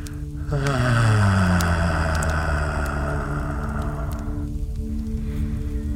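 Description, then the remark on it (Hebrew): A long, deep exhale voiced as a low, breathy sigh, made after holding the breath during a guided deep-breathing relaxation exercise, its pitch sliding gently downward and fading after a few seconds, fairly loud, with no speech. “אפשר לקחת עוד נשימה עמוקה כזאת, ואז להוציא.”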